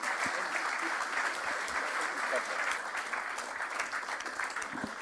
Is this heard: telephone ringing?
no